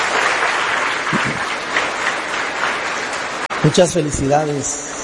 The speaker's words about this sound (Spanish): Que ustedes son los que cumplen, díganse nada más, 60 años de matrimonio. ¿Es verdad? Le damos un aplauso grande, bonito. Así.